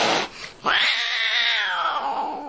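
A cat lets out a loud, drawn-out yowl after a brief noisy burst, the wail holding steady for about two seconds before tapering off. No one speaks.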